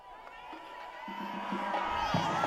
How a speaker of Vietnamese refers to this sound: Chúng ta có thể cảm nhận được bầu khí vui tươi sinh động tại quảng trường lúc này khi các tín hữu reo vui khi Đức Thánh Cha đi sang, đi ngang qua, và đặc biệt là Ngài chúc lành cho các trẻ em.